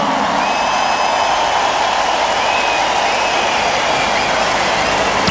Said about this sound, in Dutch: Dames en heren. Mag ik een groot applaus voor de man op de drums